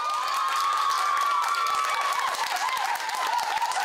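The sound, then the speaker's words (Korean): A crowd of high school students at Jeonggwang High School, a Buddhist school, cheers and shouts loudly to welcome visiting Buddhist monks. Bright high-pitched voices and scattered clapping blend into a continuous roar that holds steady for several seconds. “스님들의 방문에 반가운 함성으로 화답한 학생들은 불교 종립학교를 다니는 자부심이 넘쳤습니다.”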